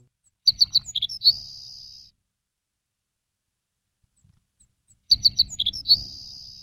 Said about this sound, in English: we're talking about sparrows that are headed south right now, and the Savannah sparrow is headed south.